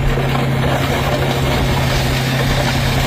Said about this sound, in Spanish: Así suena el momento en el que la excavadora pasa por encima de estas motos que están apiladas y tumbadas como fichas de dominó.